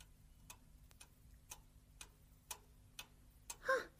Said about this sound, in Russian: А это что? Ох, часы чик-чик-чик.